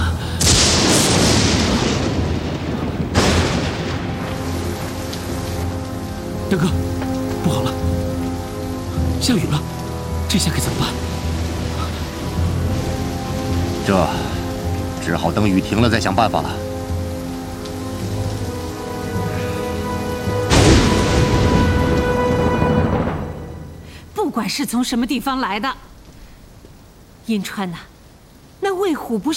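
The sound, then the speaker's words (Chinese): Steady rain pours down under a swelling, sustained musical score, with a deep rumbling boom partway through before the sound thins out and breaks up near the end. “大哥，不好了，下雨了，这下可怎么办？”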